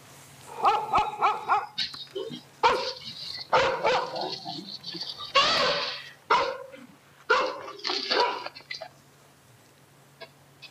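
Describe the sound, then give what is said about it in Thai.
A dog barks at an aggressive wild elephant that chases it by a house in Moo 8, Ban Thep Prathan, Khlong Takrao, Tha Takiap district, Chachoengsao province, Thailand, caught on CCTV; loud, uneven bursts, some rapid and clustered, with short pauses between, over a faint steady background hum; no one speaks. “เนี่ยค่ะช้างก็ต้องวิ่งไล่นะคะสุนัขวิ่งหนีค่ะภาพกล้องวงจรปิดจับภาพนาทีนี้เอาไว้ได้ค่ะพบช้างป่าพฤติกรรมค่อนข้างดุร้ายวิ่งออกมาไล่สุนัขบริเวณบ้านหลังหนึ่งในพื้นที่หมู่8บ้านเทพประธานตำบลคลองตะเกราอำเภอท่าตะเกียบจังหวัดฉะเชิงเทรา”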